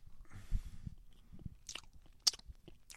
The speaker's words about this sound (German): Schmatz nicht so. Ist ungehörig.